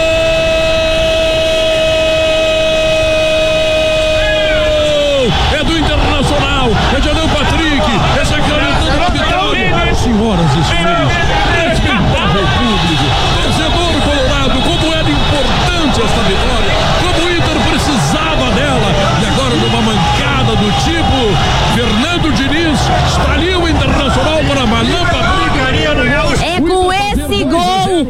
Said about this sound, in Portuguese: esse segundo gol tão importante de hoje, que eu quero ouvir a galera que tá no carro, no estacionamento, buzinando pro Inter.